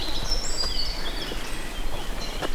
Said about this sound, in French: Entre les deux averses, les oiseaux sont de sortie.